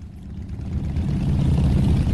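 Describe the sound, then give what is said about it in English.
A dense, steady rumble of thousands of motorbike engines running together at Pakistan's border with Iran, loud, swelling slightly before holding at a constant growl, with no voices; the riders are fuel smugglers gathered in dust and blistering heat. “On the edge of Pakistan's border with Iran, thousands of motorbikes are gathered together, kicking up dust in blistering heat.”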